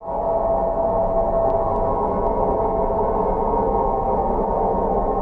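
A recording of the roaring of planet Jupiter: a steady, dense roaring drone, holding loud and unbroken throughout, with a faint whistling tone running through the first half and no voices.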